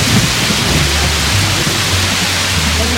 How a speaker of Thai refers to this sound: และหลังจากนั้นฝนก็ตกลงมาอย่างรวดเร็ว